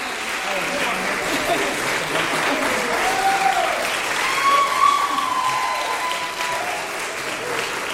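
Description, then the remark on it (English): Sustained audience applause for seven pianists taking a bow on stage after a piano honors recital at Interlaken Arts Academy's annual festival in Dendrino's Chapel, a dense steady patter of many hands clapping at an even loudness throughout, with faint cheers or voices mixed in. “And lots of applause for all seven musicians on stage.”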